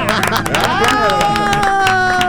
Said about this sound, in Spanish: No, si van a aplaudir, aplaudan de verdad.